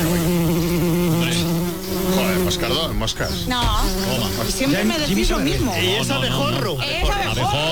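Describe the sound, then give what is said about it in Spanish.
A loud bumblebee buzz drones steadily for the first few seconds, then continues under wavering, pitch-sliding voice-like sounds until the end. “Llevamos aquí 20 años poniendo la abejorro.”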